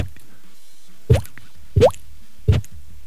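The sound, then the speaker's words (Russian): Three wet, hollow plopping pops made with the mouth, imitating water drops, spaced about a second apart, fairly loud with quiet between them. “О, а ты умеешь каплю воды делать вот не, так?”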